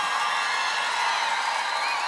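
A large live crowd cheers and applauds in a steady, dense wash of noise that holds at an even loudness for the whole couple of seconds, with no single voice standing out.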